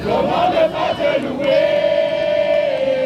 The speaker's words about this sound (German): Ein Empfangskomitee aus Kindern und Jugendlichen singt, klatscht und jubelt, als der Papst am Flughafen von Paris-Orly landet.